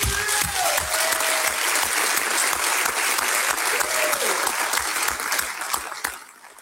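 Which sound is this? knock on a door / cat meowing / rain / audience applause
audience applause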